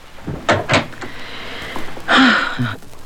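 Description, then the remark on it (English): A door opens with a couple of quick knocking thumps and a brief creak, then after a pause it swings shut with a broader scraping rattle and a low thud. “Now, you go right through this door.”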